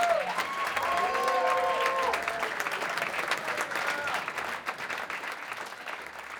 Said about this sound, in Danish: Ja, sådan her klapper altså et yderst tilfredst publikum. De har nemlig lige set og lyttet til … med … og …. Og der kan altså, så vidt jeg husker, være maks 300 publikummer, så det er altså en lille lukket skare